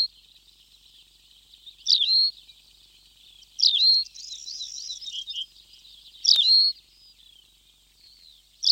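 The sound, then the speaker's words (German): A small songbird with a sand-coloured belly, grey-brown upperparts, long legs and a long tail sings perched on a small shrub in a desert, in short, high-pitched phrases repeated about every two seconds, with quieter twittering between them, clear with no voices. “Und dann, wenn er dann einen Strauch findet, einen kleinen in dieser Wüste, dann setzt er sich drauf und singt.”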